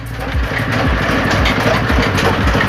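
The engine of a pressing machine runs steadily as soaked kolang-kaling palm fruit is pressed flat, a loud, continuous low chugging with a regular rhythmic pulse and a faint mechanical rattle on top.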